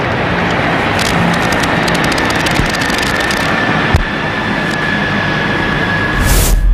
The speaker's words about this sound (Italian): fumi tricolori anche dagli elicotteri della Marina Militare Italiana che stanno passando in questo momento al termine proprio dell'inno di Mameli sul luogo della cerimonia.